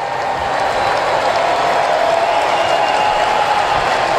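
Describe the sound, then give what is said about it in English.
A large baseball crowd at a Braves–Phillies game applauds and cheers for pitcher Chris Sale in a steady, loud roar of dense clapping that holds at an even level throughout, with no speech over it. “Crowd getting behind Chris Sale.”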